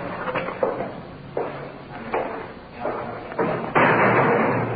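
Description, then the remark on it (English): A heavy iron door slams shut with a reverberant metallic bang, amid a series of clanks and thuds, ending in a loud, sustained boom, as police officers bring a suspect inside. “Through the big iron door inside.”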